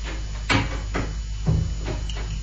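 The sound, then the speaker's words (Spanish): A man shuts his door with a couple of dull, moderately loud thuds, each followed by softer knocks and rattles as it settles into the frame, with no voices. “El Serranito cerró su puerta, pero no se retira de ella acechando los rumores del pasillo.”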